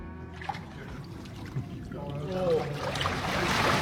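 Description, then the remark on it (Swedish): Water sloshes and splashes around a microphone carried by someone wading in the water, in uneven bursts, growing busier and louder toward the end, with a faint voice murmuring underneath. “Nu är jag i vattnet med mikrofonen.”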